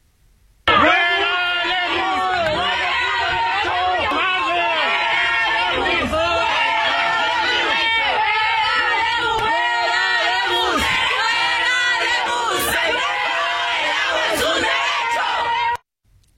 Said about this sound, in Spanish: Estos estudiantes lo abuchearon, le reclamaron precisamente por la crisis de agua, por la inseguridad y por las altas tarifas. Escuchemos cómo le fue.